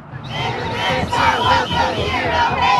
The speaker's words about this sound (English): Protesters lined the street across from the agency's office building. For hours, they blew whistles, yelled chants, and held signs that said things like ICE out.